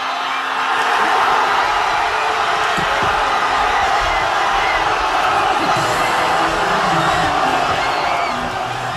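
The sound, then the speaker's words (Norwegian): A large crowd cheers and roars in the streets of Madrid after Spain won the men's football World Cup, a steady, loud wall of voices with shouts and whoops rising out of the din for the whole stretch. “I hovedstaden Madrid bare vill jubel i gatene da kampen var over.”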